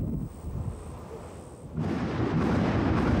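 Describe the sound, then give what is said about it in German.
Deep thunder rumbles low for a moment, then swells into a loud, broad roar around 1.8 seconds that keeps building to the end, with no voices. “Auch Gewitter sind ein Indiz dafür, dass sich windtechnisch einiges zusammenbraut.”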